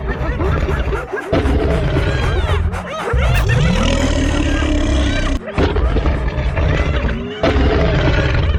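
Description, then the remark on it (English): A chaotic animal fight with a lion charging and roaring over snarling, whooping hyenas, throwing up dust, loud, the growls overlapping continuously with a couple of brief breaks. “The lion rose to its full height and charged towards the advancing hyenas. As they battled, they threw up so much dust that the friends could not see them.”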